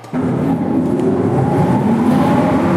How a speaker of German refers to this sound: Ein paar der Motoren für die ehemalige Entlüftungsanlage und Stromversorgung lassen sich tatsächlich heute noch anschalten im Artilleriewerk Simserhof. Das ist eine unterirdische Befestigungsanlage mit einem bis zu 30 Meter tiefen Tunnelnetz.